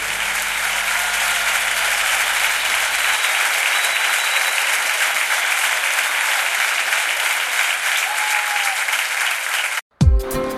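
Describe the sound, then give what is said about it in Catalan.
Loud, sustained applause from a large crowd, dense clapping filling the space for about ten seconds before cutting off abruptly into a brief silence. “Aplaudile con fuerza al que dio su vida por vos.”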